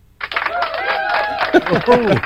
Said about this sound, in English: Why are people cheering? Wait.